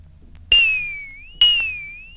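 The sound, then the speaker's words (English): A water-filled glass is struck twice, each tap giving a bright, ringing high tone that wavers and bends slightly in pitch as it slowly fades. “Number 18 was a glass, but this time filled with water.”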